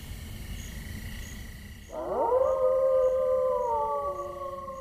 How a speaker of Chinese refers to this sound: 你们看，那是什么？ 那是什么？ 那是狼，狼群。